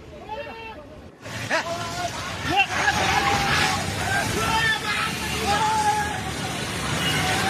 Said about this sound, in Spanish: Y estas imágenes grabadas desde la ladera en Bidur muestran la fuerza de la creciente. Las aguas del río Trishuli golpean con violencia uno de los puentes de la zona.